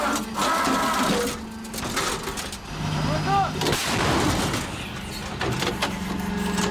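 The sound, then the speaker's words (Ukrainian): A CAESAR self-propelled howitzer, worked by a crew of the 148th Air Assault Brigade, fires its final rounds with heavy, booming blasts that ring out over a steady mechanical engine drone and whirring, with no one speaking. “Дочекавшись, поки FPV пройшла і у небі стало тихо і чисто, розрахунок «Цезаря» швидко розкладається знову і закінчує роботу. Крайній вогонь!”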